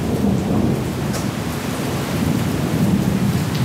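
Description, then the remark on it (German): Heavy rain pours down on a Tuesday in Mülheim an der Ruhr, a dense, unbroken hiss with a low rumbling undertone. It stays loud and even throughout, with no voices. “In Mülheim an der Ruhr schüttet es am folgenden Dienstag immer wieder wie aus Eimern.”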